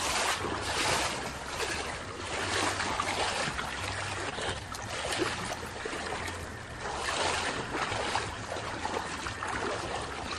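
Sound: river water flowing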